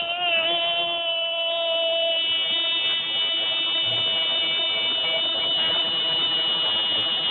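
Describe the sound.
A voice imitates the loud buzzer of an old wrecker, a big tow truck at a workplace, holding a steady, harsh, droning tone with dense harmonics for several seconds without a break, loud throughout.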